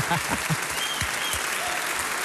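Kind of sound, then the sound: crowd, audience applause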